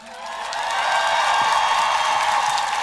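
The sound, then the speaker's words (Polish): An audience at a festival concert breaks into applause, the clapping swelling over the first second into a dense, steady roar of many hands that stays loud to the end, with no talking. “Ale najpierw poproszę o ogromne brawa.”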